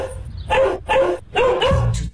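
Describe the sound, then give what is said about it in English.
Three loud barks from dogs in quick succession, the last one drawn out into a longer, wavering yelp, with no voices around them. “Oh, who let the dogs out?”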